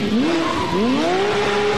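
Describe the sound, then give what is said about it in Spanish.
Racing car engines rev hard and loud, their pitch climbing in rising sweeps, with tires squealing over the roar; no voices, just a dense burst of motorsport noise. “Se encienden los motores.”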